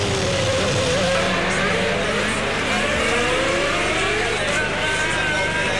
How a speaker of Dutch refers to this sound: Daar Martin Brundle en we zijn aan boord bij Eddie Irvine. Luister naar die toerentallen. Of de wielspin is. Dat kun je mooi horen in dit soort situaties. Dat die wielen doorspinnen.